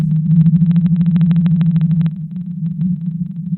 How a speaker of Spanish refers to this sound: las ballenas azules, emiten su canto en una frecuencia de entre 15 y 25 Hz. En 1989, la Marina de los Estados Unidos descubrió esta ballena cuando sus instrumentos captaron la extraña frecuencia de su canto. Ahora escucha el canto de la ballena azul.